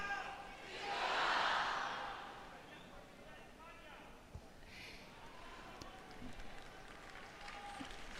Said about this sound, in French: Le pape s'assied. Et vous entendez les Viva il Papa, vive le pape.